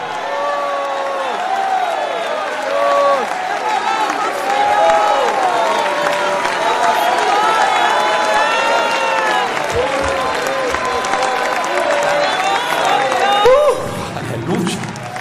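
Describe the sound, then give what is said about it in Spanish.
A crowd shouts praise to God and cheers loudly in overlapping voices while clapping runs underneath, a sustained roar of praise lasting the whole stretch without pause. “Si alguien va para el cielo, grita su alabanza por 30 segundos.”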